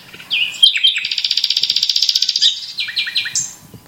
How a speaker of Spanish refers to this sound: pues este pajarito, que es de África, viene aquí en primavera a criar. Canta día y noche, y ya digo, suma a esa banda sonora de aves que las aves dan a estos parajes que son los Montes de Toledo.